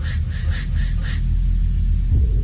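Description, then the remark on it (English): A low, steady rumble of thunder rolls continuously, with a series of faint, rhythmic chirps above it in the first second; no one speaks. “Thunder growls.”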